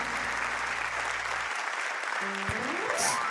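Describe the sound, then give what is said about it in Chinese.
A crowd applauds steadily, a dense wash of clapping from many hands that holds an even level throughout, with a faint low hum and a brief rising tone underneath. “不得没有拿拍手哈。”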